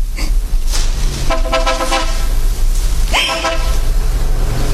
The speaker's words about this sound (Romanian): În clipa aceea s-a auzit zgomotul unei mașini.